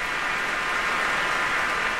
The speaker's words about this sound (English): A lot of applause and love for a conductor who just passed away the week before last, I believe, and a fine one at that. 25 years of the San Francisco Symphony, who he led there in the finale of the Symphony No. 3 by Schumann, Michael Tilson Thomas